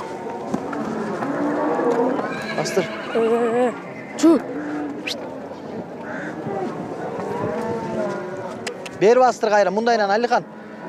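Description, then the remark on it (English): A calm mare lets out a loud, quavering whinny near the end, after some shorter snorts and calls, with murmured voices and outdoor bustle in the background. “This horse has the right temperament”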